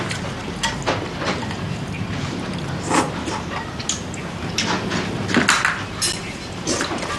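Bowls and chopsticks clink at a table in scattered, irregular taps, with a few sharper knocks of dishware set down amid soft background room noise.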